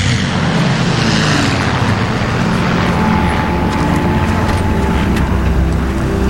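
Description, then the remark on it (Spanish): A loud, steady engine drone with a low rumbling hum fills the whole stretch, like eleven propeller aircraft arriving overhead at an airstrip, with no voices. “¡Dos no volvieron, señor! ¡Solo llegaron 11 aviones!”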